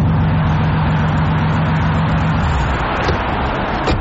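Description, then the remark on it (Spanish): A new car's loud engine rumbles with a steady low hum that shifts partway through, like revving, filling the whole four seconds with dense mechanical noise and no voices. “¿Es este tu nuevo carro?”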